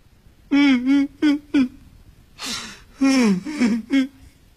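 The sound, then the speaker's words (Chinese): A male storyteller's voice imitates someone crying: a few short, quavering sobs, then a sharp breathy intake of breath and a longer wailing sob, fairly loud. “正这个功夫，也不知从什么地方传来了一阵哭声。”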